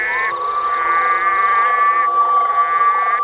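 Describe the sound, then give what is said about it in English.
A loud, continuous chorus of red-eyed green frog mating calls at a pond in summer, with layered high trilling tones droning steadily and overlapping throughout, with no voices. “Red-eyed green frogs spend an enormous amount of energy trying to attract a mate.”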